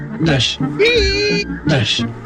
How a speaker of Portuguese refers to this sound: Não, não é apenas o barulho das escovas gastas. É um sinal de que o seu carro sabe bem o que é melhor para ele.